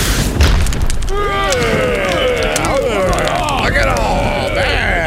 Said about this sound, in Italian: Già, il fulmine lo ha folgorato all'istante, riducendo il poveretto in cenere.